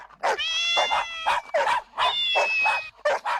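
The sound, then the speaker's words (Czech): A lively chorus of meows from friendly cats and dogs gathered to greet and chat overlaps in repeated bursts, some calls stretching into long wavering tones, with a few yappy dog yelps mixed in; no one speaks. “Myslím, že by bylo kratší říct všechny kočky a psy, kteří jsou kamaráčtí a přišli si popovídat.”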